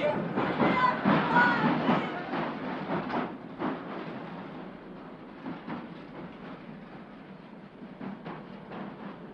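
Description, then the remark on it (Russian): A train clatters heavily over the exit switches as it leaves, a dense run of irregular metallic clacks and rumble that is loud at first, then thins and fades as it curves round a bend. “Поезд дрогнул на выходных стрелках, изогнулся дугой, и девушка розовогрудой птичкой улетела за поворот.”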